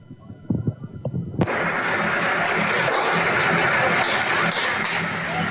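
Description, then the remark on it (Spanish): Several sharp gunshots crack out in quick, irregular succession as protesting teachers are evicted from a blockade on federal highway 190 in the Isthmus of Tehuantepec, Oaxaca, Mexico; then a loud, steady roar of outdoor commotion takes over as people run, with a few more pops breaking through it. “Ahí los está escuchando, se escuchan los balazos.”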